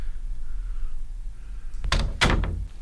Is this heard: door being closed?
yes